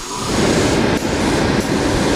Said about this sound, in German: Doch wenn in ihrem Atelier die beiden Auszubildenden, Jahrespraktikant und Meisterin, an den Nähmaschinen sitzen, ketteln und säumen, wird's auch bei Ried Couture laut. Es schnurrt und rattert.